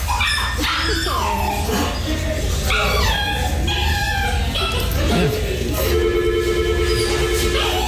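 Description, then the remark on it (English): An elderly dog, held like a baby by a man paying his bill, whines over and over, high-pitched wavering cries that rise and fall in close succession, loud against a steady background hum. “No, it was just whining and whining.”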